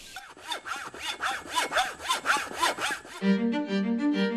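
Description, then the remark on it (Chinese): A bamboo stalk being sawn to size for a writing-brush handle: about ten quick, even back-and-forth strokes with a rasping, scratchy tone, which stop abruptly as steady, sustained musical tones take over. “截取好的竹竿需用清水擦洗，晾晒沥水，否则笔杆容易发脆生裂。”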